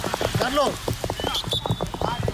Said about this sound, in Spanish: ¡Madre mía, vaya gotas, tío! Este ha sido el sonido de la tromba de agua que ha caído.